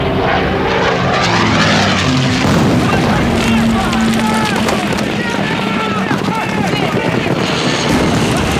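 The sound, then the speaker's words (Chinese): Propeller airplanes drone loudly overhead just after troops capture Majiapo, a heavy continuous engine roar that fills the whole stretch, with muffled voices faintly beneath and occasional thuds mixed into the noise. “飞机来的真快，我们刚占领马家坡，他就到了。”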